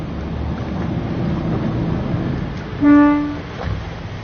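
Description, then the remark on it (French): A single short boat horn toot, loud, sounds for about half a second over steady engine and water noise, signalling divers in the water to come and hold on to the boat, its engine out of gear so no propeller turns. “il va mettre un petit coup de klaxon, comme ça les plongeurs vont venir s'accrocher”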